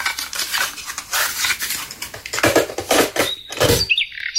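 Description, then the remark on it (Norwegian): Scratchy, noisy cassette-tape recording of birds in the town centre (midtbyen) of Sprogø Midtby, with dense chattering bursts and a few sharp high chirps near the end, played back with hiss and clatter-like texture throughout. “Ja, der er andre fugle inde i sproget i midtbyen.”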